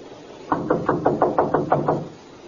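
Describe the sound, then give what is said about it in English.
A quick, steady run of about nine firm knocks on a door by police officers, evenly spaced, heard on their own with no talking. “Knock again.”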